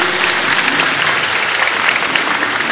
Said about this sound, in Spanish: Gracias, Monseñor, por ese hermoso mensaje. Le damos un fuerte aplauso de gratitud.